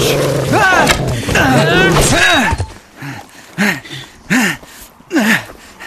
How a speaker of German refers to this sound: Das war nicht der Teufel! Oh Mann! Nein, das ist ein ganz normaler Wolf. Und ein ziemlich kränkliches Exemplar noch dazu.